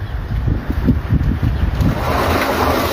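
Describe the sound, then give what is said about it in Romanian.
A continuous roar of rushing floodwater sweeping everything in its path after torrential rain in Tâmboiești and Dumitrești, Vrancea County, with heavy low churning and broad hissing spray, steady and loud for the whole stretch, with no voices. “La Tâmboiești și Dumitrești, viiturile au măturat totul în cale.”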